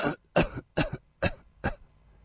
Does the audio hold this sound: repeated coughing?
yes